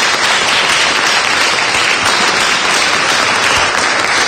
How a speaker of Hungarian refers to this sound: Orbán Kálmán kántor urat ott fönt az orgonánál. Tapsot neki.